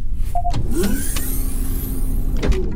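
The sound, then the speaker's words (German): A motorized shuttle door whirs open over a steady low mechanical hum, with a soft clunk near the start and another as it stops, while the shuttle hovers 1 metre above a cave floor. No voices. “öffnen Sie die Tür.”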